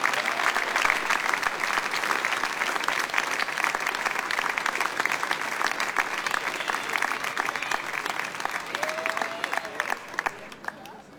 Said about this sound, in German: Auch für euch einen Applaus.